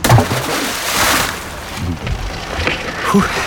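An anchor is thrown from a small boat into the open sea with a loud splash, followed by a rush of churning water that fades into gentle sloshing and lapping against the boat.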